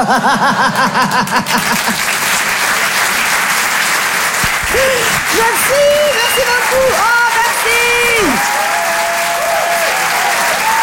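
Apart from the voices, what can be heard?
audience applause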